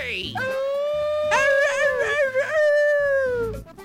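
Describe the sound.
A person imitates a coyote, one long rising and wavering vocal howl that holds for a few seconds and then trails off, loud.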